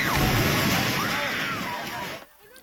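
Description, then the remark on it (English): A building collapses during an earthquake in the Philippines, a loud, sustained roar of crumbling debris lasting about two seconds before cutting off abruptly, with voices crying out beneath the rumble. “That reaction as the Templars sent a building tumbling and crumbling.”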